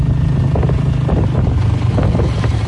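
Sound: motorbike riding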